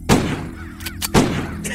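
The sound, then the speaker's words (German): Two loud pistol shots fired at crows, about a second apart, each a sharp crack followed by a ringing, decaying tail, with fainter clicks and rustles in between and no talking. “der nun die Pistole entgegennahm und es seinem Freund gleich tat.”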